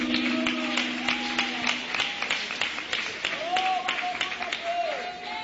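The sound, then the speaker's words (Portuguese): An audience at a church service applauds for several seconds to welcome a singing group, giving applause of victory for Jesus: a dense, crackling wash of many hands clapping, with a few voices calling out over it and a low hum underneath at the start. “Vamos receber o grupo com palmas de vitória para Jesus.”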